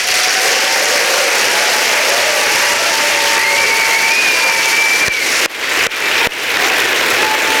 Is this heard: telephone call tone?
no